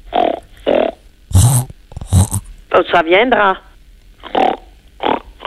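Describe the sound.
A child imitates farm animals: two rough, snorting pig grunts, then a quick warbling hen-like cluck, with short bursts of an adult talking in French before and after.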